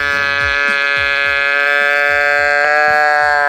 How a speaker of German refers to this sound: Der irgendwie auch verdächtig nach einer Ziege klingt.